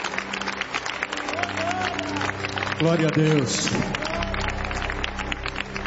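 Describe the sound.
A church audience applauds for Jesus while welcoming a pastor, a steady, dense wash of clapping that lasts throughout, while a voice calls out over the noise and other voices murmur beneath.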